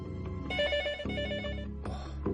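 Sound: telephone ringing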